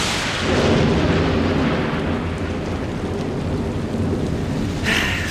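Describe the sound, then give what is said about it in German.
A loud, rumbling thunderclap rolls through steady, heavy rainfall of large raindrops, the low boom swelling early and lingering under the dense hiss of rain; no voices are present. “Da hatte man so tolle Pläne für einen Tag am See oder war den ganzen Tag schon schaukeln und dann plötzlich boom, krachendes Gewitter, große Regentropfen und vielleicht sogar Hagel, der vom Himmel schießt.”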